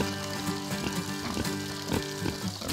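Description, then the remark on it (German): In hot, dry weather, water gushes steadily into a muddy wallow for Iberico pigs on a pig farm in Everswinkel, about 20 km from Münster. A continuous hissing, splashing rush is broken by brief sloshing bursts, over a low steady mechanical hum. “Wenn es so heiß und trocken ist wie jetzt, dann wässere ich die Suhlen.”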